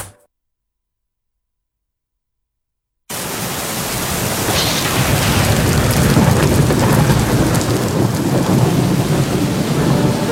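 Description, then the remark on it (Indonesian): After about three seconds of silence, a dense roar of heavy rain begins abruptly and stays loud and steady, with deep rumbling thunder rolling underneath throughout. No one speaks. “Hujan deras disertai petir, angin kencang, bahkan panas ekstrim bisa terjadi tiba-tiba.”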